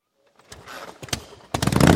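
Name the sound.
motorcycle engine revving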